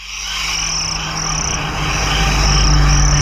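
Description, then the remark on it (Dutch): A dense chorus of crickets chirps steadily and fairly loudly at the start of a summer pop hit, layered over a low, continuous rumble that swells slightly toward the end, with no voices. “heb je net het begin van een zomerhit laten horen. Krekelgeluiden.”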